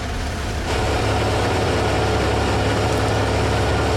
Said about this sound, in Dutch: Het rochelende geluid van Formule 1 motoren die stationair draaien.